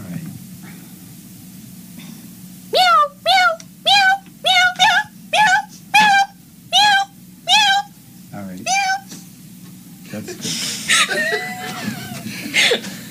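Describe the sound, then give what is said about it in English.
A cat meows frantically, about ten loud, rapid-fire cries in a steady burst over a low background hum, followed by scuffling noise. “all of a sudden you're going to be like, meow, meow, meow. Frantic meowing.”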